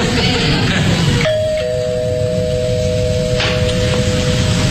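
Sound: doorbell ringing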